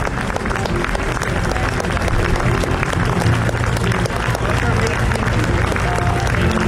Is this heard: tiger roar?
no